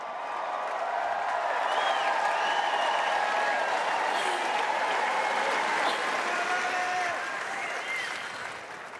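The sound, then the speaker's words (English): A large crowd on centre court at a tennis Grand Slam applauds a player who has just defeated the defending champion, a dense, unbroken roar of clapping with occasional whistles and cheers rising above it, holding loud for nine seconds before easing slightly near the end. “Listen to the reception for this crowd.”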